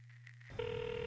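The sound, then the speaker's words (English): A telephone ringing tone heard over the line while calling someone, a steady electronic ring that starts partway through after a low hum, fairly loud, with no one speaking. “This ain't my fucking phone. Oh, come on, pick up, dogs.”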